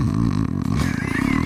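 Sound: voice imitating snoring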